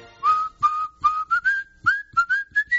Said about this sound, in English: I didn't know you whistled. Oh, yeah.